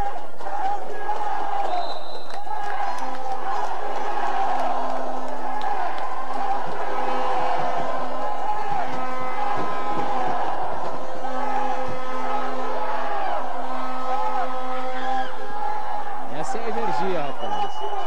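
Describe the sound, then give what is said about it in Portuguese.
A huge stadium crowd chants "campeão" (champion) as a repeated rallying cry in loud unison. The roar of many voices swells and holds for the whole stretch, with scattered cheers and shouts mixed in. “O pessoal está gritando campeão, ó.”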